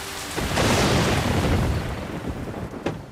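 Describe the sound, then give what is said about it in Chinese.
A heavy rainstorm roars steadily while a deep rumble of thunder swells and slowly fades, followed by a brief sharp crack near the end; no voices are present. “外面下着暴雨，电闪雷鸣”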